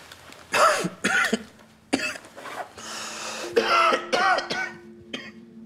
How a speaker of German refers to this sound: Oh, kann sau wehtun. Seit wann haben Sie denn Blut im Husten?